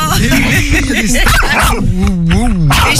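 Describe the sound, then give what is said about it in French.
A dog, Médeline, whines in long, wavering rising and falling tones, broken by a few short yips and barks, while being greeted and talked about alongside another dog, a Staff, with voices and background noise mixed underneath. “Et oui, quand on parle d'un chien, t'es contente.”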